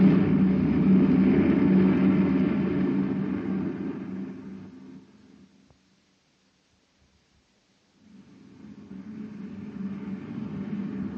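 The engine of a heavy Space Patrol maintenance truck roars under power, fades away to near silence for a couple of seconds, then swells back up into a steady, driving rumble as the driver pours on the power. No one speaks.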